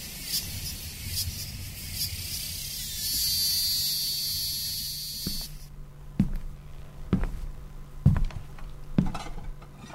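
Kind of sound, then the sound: insect, cicadas singing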